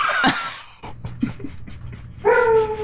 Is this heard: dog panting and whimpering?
yes